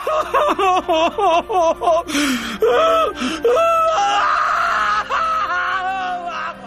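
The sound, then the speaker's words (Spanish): Loud, exaggerated crying: a quick run of rhythmic sobbing gasps gives way to long, wavering wails that rise and fall, unaccompanied by speech. “Ay, ay, ay, entiendo y bien vale tu llanto, cumpa, porque era mucha platita”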